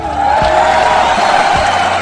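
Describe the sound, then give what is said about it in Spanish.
An audience applauds and cheers in a dense, steady wash of clapping and voices, loud and unbroken for about two seconds. “Aplausos”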